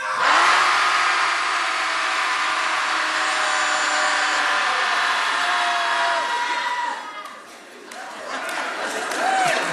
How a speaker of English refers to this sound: So when I'll say 1, 2, 3, and then we'll all just let it out. Sound good? Yeah? All right. Everybody at home listening, hopefully you're shouting too. Here we go. Shouting Society commences. 1, 2, 3.